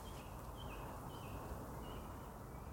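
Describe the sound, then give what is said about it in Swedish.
Faint blackbird song drifts in outdoors at a tent campsite, a few thin fluting phrases rising and falling over a steady bed of wind and open-air rumble. “Ja, det är någon koltrast. Och så är det den andra fågeln. Det kan vara en rödhake.”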